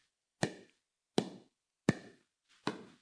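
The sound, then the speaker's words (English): Four sharp hollow pops of a pickleball paddle striking a ball, evenly spaced about three quarters of a second apart, crisp with no voices. “I have never picked up a pickleball racket, by the way, but this is the sound. It's a paddle.”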